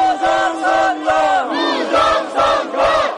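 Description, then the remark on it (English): A large crowd of close to 1,000 people shouts in loud, rhythmic unison, chanting in repeated bursts roughly every half second to second, protesting in front of the National Election Commission's office in Gwacheon, Gyeonggi Province, demanding that vote counting be suspended and a re-election held. “Crowds gathered in front of the National Election Commission's office in Gwacheon, Gyeonggi Province, at one point reaching close to 1,000 people, demanding that the commission suspend vote counting and hold a re-election.”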